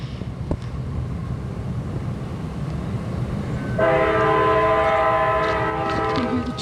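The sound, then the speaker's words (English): A train rumbles along outdoors on a beautiful day with a steady low clatter, then a loud, sustained multi-tone horn blares in from about midway and holds to the end. “Yeah, so we got trains.”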